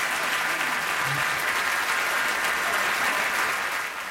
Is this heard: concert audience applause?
yes